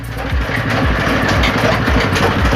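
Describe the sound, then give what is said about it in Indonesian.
A pressing machine runs steadily and loudly, its motor droning with a low, rhythmic chugging pulse throughout, with no voices, as soaked sugar palm fruit (kolang-kaling) is pressed flat in it. “Setelah direndam, kolang-kaling akan dimasukkan ke mesin untuk dipres atau dipipihkan.”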